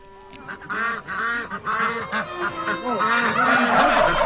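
A flock of white poultry (turkeys, chickens, pigeons, peacocks and white Crimean ducks) kept in a special section of a park calls continuously, overlapping honks and quacks layered into a noisy chorus that swells louder toward the end.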